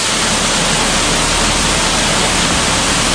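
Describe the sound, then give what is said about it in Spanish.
Deafening, steady roar of rushing water in a sewer tunnel fills the space without a break, a dense hissing wash that echoes, with no voices audible. “Contrasta el silencio de las anteriores galerías con el sonido ensordecedor del agua que hace que ni siquiera nos escuchemos.”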